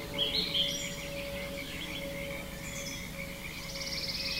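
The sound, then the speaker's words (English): Forest birds chirp and sing in short bright phrases while frogs croak steadily underneath, with a constant hum of insects filling the background of a dense outdoor chorus. “I think that's a pretty darn good matchup of birds and frogs.”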